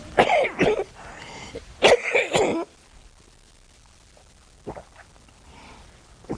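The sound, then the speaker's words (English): A few loud throat-clearing coughs come in two quick bursts, followed by quieter rustling and a faint breathy sound near the end. “Better get my cough off.”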